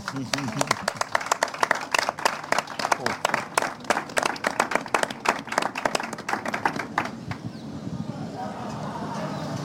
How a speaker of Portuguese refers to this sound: Portanto, era uma salva de palmas para os pescadores, faz favor.